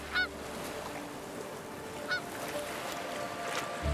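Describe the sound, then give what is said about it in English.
Canada geese honk a few times on the icy Baltic Sea coast in winter, two or three short nasal calls spaced over a few seconds against a steady outdoor background hum. “Even when the thermometer hits minus 20 degrees Celsius, Canada geese and ducks can be sure of a safe haven.”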